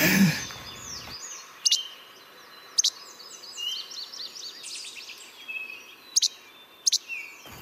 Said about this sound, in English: Now, the least flycatcher says its name in French. Moucherol, Quebec. And he goes, Quebec, Quebec, Quebec, which I'm going to insert right here.